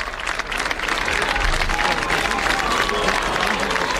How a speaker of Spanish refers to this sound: Mira los vivas al Papa y los vivas al Papa de todo el público, que lo despiden de esta manera.